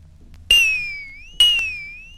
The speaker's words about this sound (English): Number 17 was a brass bell.